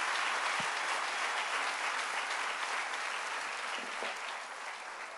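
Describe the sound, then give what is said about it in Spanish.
A large crowd claps loudly and steadily for several seconds, giving a dense wash of applause to the king that eases slightly toward the end, with no one speaking over it. “Denle un aplauso fuerte al rey.”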